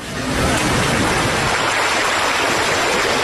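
Steady rushing of Dang Creek, a naturally formed, narrow stream that divides Xiamei village in Wuyishan, a dense, continuous wash of water noise that fades in quickly and then holds at an even, fairly loud level with no voices.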